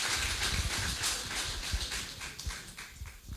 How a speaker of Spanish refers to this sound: Le recibimos con un fuerte aplauso al Señor. Gloria a Dios.